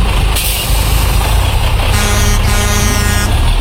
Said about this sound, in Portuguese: E sim, tá passando o último ônibus.